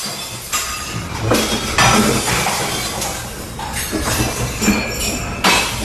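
Glasses and crockery smash and clatter repeatedly in loud, irregular bursts of bright shattering, with a low continuous rumble and rattling underneath, on the 13th floor of a hotel in Kagoshima, Japan, during a 7.1 magnitude earthquake whose epicentre was about 175 kilometres away.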